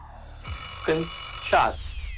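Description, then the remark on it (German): An alarm clock rings in two short, bright bursts about half a second apart, a jangling bell tone of moderate loudness over a low background hum. “Ah, mein Lieber, da war leider der Wecker schon im Hintergrund.”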